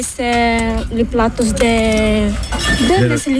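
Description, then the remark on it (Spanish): Dishes clink and rattle as young residents wash them by hand, with no dishwasher, with scattered sharp knocks of plates and cutlery beneath loud voices talking over the work. “A ver, aquí están limpiando los platos. Sí, buenos días. Limpiáis a mano, no hay lavaplatos aquí, ¿eh?”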